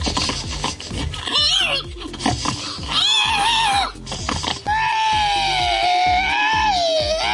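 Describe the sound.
Human voices imitate pig squeals loudly in a pig-squealing contest in Estonia: a string of short, rising squeals and grunting snorts, then one long, sustained shrill squeal that carries to the end.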